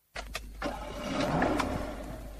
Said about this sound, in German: Feine Musik, oder? Was für Musik? Das zufriedene Tönchen vom Motor.